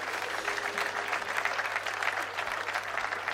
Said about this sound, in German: Applaus für all die schönen Taschen. Danke.